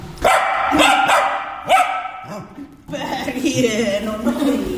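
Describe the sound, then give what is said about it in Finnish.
A dog barks several times in sharp bursts, with a brief whine in between, then a voice talks steadily over continued yips and vocal noise. “No siinähän kuultiin oikein ääninäytettä koiraltakin loppuun.”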